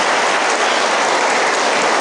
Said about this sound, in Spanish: Pues nada más vamos a entregar la cruz vocacional. ¿Sí? Quienes la entregan y quienes la reciben, pues vamos a darles un fuerte aplauso a quienes van a entregar la cruz vocacional y a quienes los van a recibir.